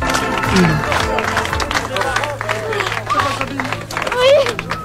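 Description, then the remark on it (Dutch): Archival footage of a 12-year-old girl's homecoming after 80 days in captivity, seeing her mother again: a crowd's steady applause and clapping runs throughout, mixed with hugging and overlapping excited and emotional voices and babble at fairly constant loudness. “Hoi, ja, je ziet volop geknuffel, emotionele stemmen overal, uiteraard ook applaus.”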